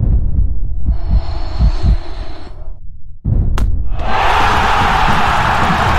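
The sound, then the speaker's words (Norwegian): A dense, continuous roar of a football stadium crowd at Åråsen in stoppage time with the score 1-1, as a penalty kick is given. It is loud throughout, with a brief dip around the middle before the noise surges back even louder and brighter. “Vi er på overtid. Stillingen er 1-1. Åråsen koker.”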